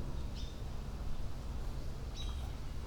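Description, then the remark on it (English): A hawk flying around nearby gives two thin, high calls, roughly two seconds apart, fairly faint over a steady low outdoor rumble. “I just heard him again. There's a hawk flying around somewhere.”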